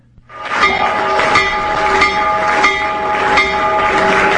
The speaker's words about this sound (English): President Trump ringing the stock market's opening bell this morning. He did so remotely from the White House.